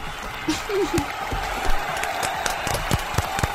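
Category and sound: crowd, audience applause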